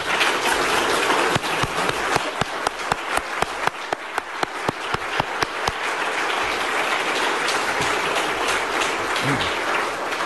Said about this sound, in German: Und dafür schlage ich euch ein, dass wir ihm und denen, die das mittragen, einen ordentlichen Applaus geben.